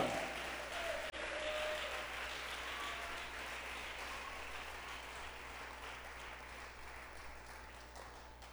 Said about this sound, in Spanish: Nos sanó el Señor. Démosle un fuerte aplauso al Dios de gloria.